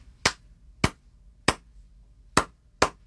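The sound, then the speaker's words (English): Five sharp, crisp hand claps in a syncopated Cuban clave rhythm: three evenly spaced claps, a short pause, then two quicker claps. No talking over them. “claves are basically like a rhythmic phrase mm-hmm. that is centered around a lot of Latin American music”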